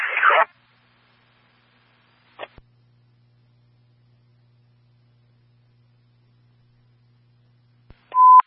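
A brief burst of dispatch radio static, then a click and a long stretch of faint low hum, ending in a click and a loud steady electronic signal 15 tone transmitted for a fire alarm at University, 515 Loudoun Road.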